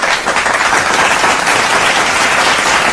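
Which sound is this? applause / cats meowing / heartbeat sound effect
applause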